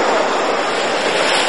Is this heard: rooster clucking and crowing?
no